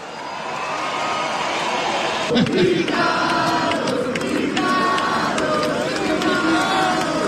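A large audience at a rock show claps and cheers continuously as a guitarist and singer is introduced on stage, a dense roar of applause and shouting that swells slightly partway through and stays loud throughout.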